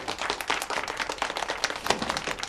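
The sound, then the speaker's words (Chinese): A crowd claps steadily, a dense wash of many hands applauding together at moderate volume for a couple of seconds, with no voices over it, welcoming an expert professor sent from Beijing to give guidance. “大家先不要鼓掌，因为接下来我要说的，大家不一定爱听。”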